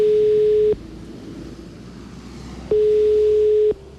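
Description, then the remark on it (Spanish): A telephone ringback tone while calling the director general of Cleaning and Waste Services of Madrid City Council: two steady electronic tone bursts about a second long, separated by a two-second pause, over a faint line hiss, with no voices. “Así que le llamamos por teléfono.”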